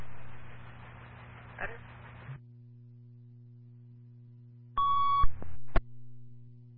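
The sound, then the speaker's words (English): Radio static and a steady low hum, then a short, loud burst of fire dispatch alert tones from the East Heartland Fire and First Responders weekly radio and tone test, followed by a quick second beep, with no one speaking. “Alpha Zeta East Heartland Fire and First Responders, weekly radio and tone test.”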